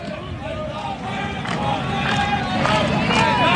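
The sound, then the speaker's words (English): Georgia fans at a baseball game against Florida clap and cheer in a steady, dense roar during the seventh inning, on a 2-2 count, with scattered voices and a few louder bursts rising above the din. “Georgia fans clapping, making some noise here, hoping to get through this seventh.”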